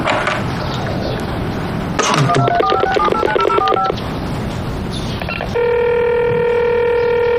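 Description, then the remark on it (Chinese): A quick run of telephone keypad beeps as a number is dialed again after an unanswered call, then a steady, fairly loud ringback tone over a faint background hiss. No one speaks. “我再打一遍好了，万一没听到呢？”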